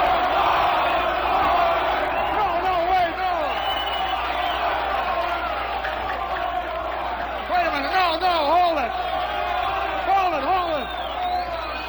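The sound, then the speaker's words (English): A large studio audience, addressed as delegates in the aisles, shouts and cries out loudly and continuously, a dense roar of many voices with whoops and rising yells throughout. “They're crying out loud.”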